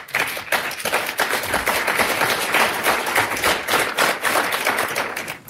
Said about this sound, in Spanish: Decía, los aplausos me parecen suaves, ¿no? Sí, de la primera fila que estaban los funcionarios de gobierno, estaba buena parte del gabinete en primera fila,